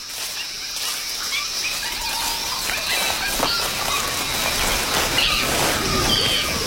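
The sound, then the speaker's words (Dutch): A steady, dense wash of animal noise with shrill, high screeching calls from a group of early great apes in a subtropical forest, rising and overlapping throughout, especially toward the end, with no one speaking. “Ja, ze zijn al flink aan het krijsen.”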